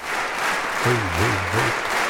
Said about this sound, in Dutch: Destijds een opname van de AVRO. Maar echt, dit applaus gaat nog tijdenlang door.